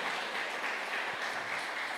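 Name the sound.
audience applauding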